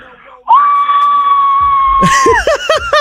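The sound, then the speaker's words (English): A phone caller demonstrates how she would scream if she won tickets in a draw: a loud, sustained high-pitched scream holds steady for about a second and a half, then breaks into a few rapid excited yelps and laughter-like bursts as other voices join in. “Do you reckon you could give us a demonstration on how that scream will go?”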